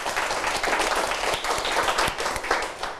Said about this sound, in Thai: ปรบมือเพื่อนด้วยนะครับ